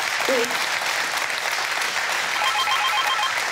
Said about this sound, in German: Der Applaus geht nach Nienhagen.